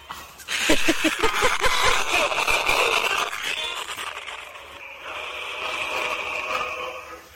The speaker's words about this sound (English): What are you listening to? That's static.